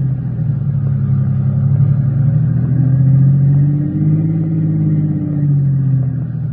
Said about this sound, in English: Swing around and park facing back the way we came. Better make it so as we block off his car.